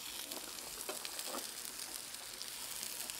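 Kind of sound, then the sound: food or drink, food sizzling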